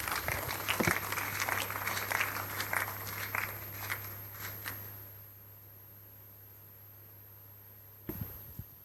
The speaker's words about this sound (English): Please take your seat. Give the Lord a big clap.